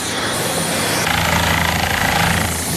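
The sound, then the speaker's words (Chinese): A helicopter's rotor thumps loudly and steadily during a sightseeing flight over the Qicai (Seven-Colour) Danxia landforms, a continuous chopping roar with a dense engine whine that swells slightly partway through. No voices are heard. “在直升机上俯瞰大地图画七彩丹霞，与热气球和动力滑翔伞又有不同的体验。”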